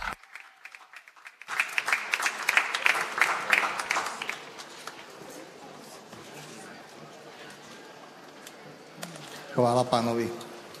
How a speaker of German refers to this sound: Lasst uns ihn alle mit einem großen Applaus grüßen.